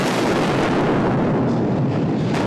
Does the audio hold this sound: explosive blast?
yes